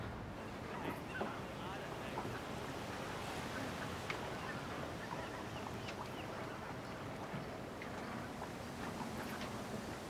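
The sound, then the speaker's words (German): Strong wind rushes steadily across the open water of the Singenlieser See lake, a dense, continuous roar with splashing waves and occasional gusty buffeting against the microphone, loud and unbroken for the whole stretch. “Ein spitzen Wind.”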